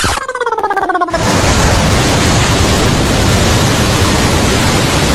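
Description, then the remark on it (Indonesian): A short rising tonal flourish opens, then a steady, loud roar of surf washing on the beach at Pantai Padang (Padang Beach) fills the rest, broad and hissing with no distinct breaks and no voices. “Mendengar di Pantai Padang”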